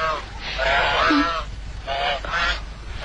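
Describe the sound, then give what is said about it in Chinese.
A white goose, being chased by a man, honks repeatedly in harsh, nasal bursts, several calls in quick succession with brief gaps, loud, over a faint noisy background. “哎，小姐受惊了，食材鄙人只顾追赶白鹅，举止鲁莽。”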